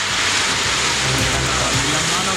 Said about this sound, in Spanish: Estaremos muy atentos a cómo se esté desarrollando esto, y es algo que está ocurriendo en varios puntos también a esta hora, donde ya se reporta la caída de lluvia y granizo en la Araucanía.